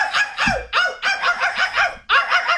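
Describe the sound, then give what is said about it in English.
A person imitates barking back at a barking dog from a balcony, with a rapid series of harsh, strained, fairly high-pitched vocal barks in an uneven rhythm, loud and with no other talking. “When the dog barks, I'll bark.”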